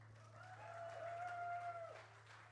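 Faint, distant crowd clapping, a steady wash of applause that swells and fades over a few seconds, with a thin whistle-like tone rising above it and a low hum underneath.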